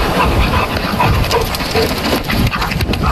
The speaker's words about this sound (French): Soyez très attentifs. Vous allez entendre le chien qui respire et le battement d'ailes du canard.